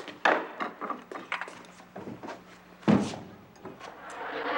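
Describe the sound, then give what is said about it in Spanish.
A wooden door clunks and rattles as it's opened, with a couple of sharp knocks and a louder bang partway through, followed by shuffling and creaking. “¿me abre la puerta, por favor?”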